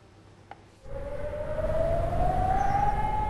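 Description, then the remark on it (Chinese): An air raid siren in Ignalina, Lithuania, on the border with Belarus, sounded after two drones entered the airspace to warn residents to go indoors. It starts abruptly after a short quiet moment and a single click, then wails steadily, its loud tone climbing slowly in pitch over a rumbling background. “在立陶宛接壤白俄罗斯的伊格纳里纳，当局发现有2架无人机入侵领空，于是拉响防空警报，警告居民要马上进入室内躲避。”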